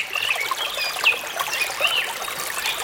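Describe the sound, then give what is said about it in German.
Gentle trickling water runs steadily throughout, with several bright bird chirps and whistles rising above it. No voices are heard. “Vogelgezwitscher und so ein bisschen Plätschern von Wasser.”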